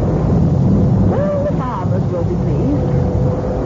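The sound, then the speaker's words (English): A steady, loud roar of storm wind rumbles throughout, dense and low, with faint muffled voices or brief whistling tones surfacing midway through the gusty noise, during a storm around 10 o'clock at night that has lasted about an hour. “Someone's decided to wait till the storm has passed over a bit.”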